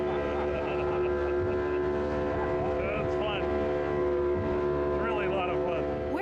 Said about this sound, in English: This small boat shows up, we all cram in and take off. When we booked our Bacardi Island trip, thought we'd be on a sailboat or a dinner cruise type boat, not this tiny boat. We're all getting a little wet.